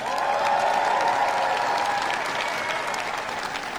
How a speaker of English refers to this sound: The applause of those watching Prime Minister Burnham's first speech in that role as he gives his wife a kiss and then goes to have his photographs taken by the waiting members of staff and also the media there.